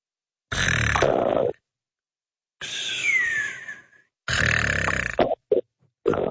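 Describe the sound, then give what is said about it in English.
A man who has nodded off snores in loud, rasping breaths: three long, rough, low snorts separated by pauses, followed by a few short choppy bursts, with no talking. “Is he snoring?”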